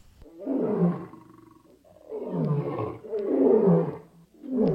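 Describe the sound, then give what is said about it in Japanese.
A young lion roars in a series of deep, rumbling bursts, about four loud, throaty calls in quick succession with short pauses between, powerful with no other sounds. “両親と共にティムナに向かう途中、サムソンは若いライオンに襲われますが、主の霊が激しく注がれ、武器を持たずに素手で子ヤギを引き裂くようにライオンを引き裂きました。”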